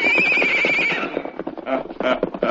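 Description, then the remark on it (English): A horse gives a loud, wavering neigh, followed by a quick run of clip-clopping hooves as a man is put on his horse and moved along, with faint voices mixed in. “Get him on his horse. Move him along, boys. Get up there.”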